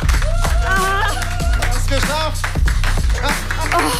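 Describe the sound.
Loud, scattered clapping and hand taps run through the whole clip, mixed with excited, overlapping voices cheering and talking over it, as a contestant on the show Probezeit Extreme is applauded for completing a task.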